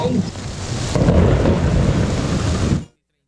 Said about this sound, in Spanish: Tempestad, tempestad por acá en Sencar, Yumbo. Caen palos, tumba motos, un ventarrón muy fuerte.